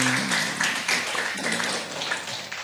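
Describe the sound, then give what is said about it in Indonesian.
An audience at the Airlangga Forum applauding, a dense steady wash of many hands clapping that keeps going for a few seconds, with a voice faintly audible beneath it. “Tepuk tangan semua.”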